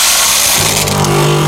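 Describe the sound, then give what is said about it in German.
Coffee beans rattle and pour into a coffee machine, a loud, dense clatter that quickly gives way to a steady mechanical whirr, with no voices. “Kaffeebohnen nachfüllen.”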